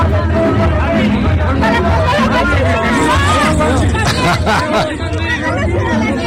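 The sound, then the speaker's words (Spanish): A large crowd at a street march shouts at Andy, the president of Morena and Morena's pre-candidate for governor Andrea Chávez, many voices overlapping in a loud, unbroken din with raised cries rising above the steady roar of chatter. “Bueno, vamos a seguir escuchando pedacitos de lo que pasó en la marcha.”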